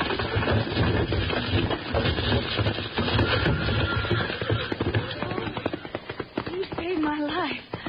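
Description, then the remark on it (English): Horses pulling a wagon at speed, with a loud, dense rush of pounding hooves and rattling rumble filling the scene, ending with a brief wavering cry. “see if you can get those horses loose from that wagon.”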